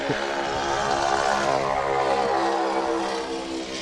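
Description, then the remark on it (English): A Ford Tri-Motor's propeller engines roar steadily, a loud, throbbing drone with dense harmonic buzz that holds even for nearly four seconds before easing slightly at the end. “Gotta love the noise of the Ford tri-motor.”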